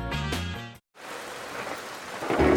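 A short burst of tonal music cuts to a moment of silence, then steady, hissing rain falls continuously, growing heavier and louder toward the end.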